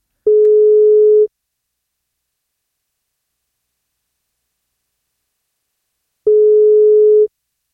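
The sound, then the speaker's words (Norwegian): An outgoing phone call from the radio show Wake Up Call to a listener with a birthday, for a birthday cake, rings: two steady, mid-pitched ringback tones, each lasting about a second, separated by a long stretch of silence. Nobody speaks. “Hei, du vet at du må ta telefonen for å få kake.”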